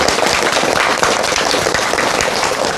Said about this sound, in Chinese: 我们掌声欢迎。